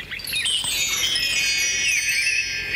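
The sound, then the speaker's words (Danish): A page-turn signal chime: a bright, shimmering chime rings out with layered high bell tones that sustain and shimmer steadily for nearly three seconds, with no voices over it. “Når du hører den lyd, så skal du blade videre til næste side.”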